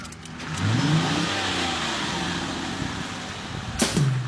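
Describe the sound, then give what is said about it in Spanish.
A car engine starts up and revs hard, its pitch climbing and falling, then settles into a steady roar before a sharp second rev near the end. No one speaks. “Y tú, arranque auto.”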